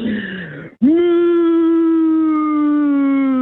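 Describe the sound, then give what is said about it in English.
A phone caller to a show imitates a cow's moo: a shorter, falling call, a brief pause, then one long, loud, steady moo that sags slightly in pitch over about three seconds. “Okay, that was a long moo.”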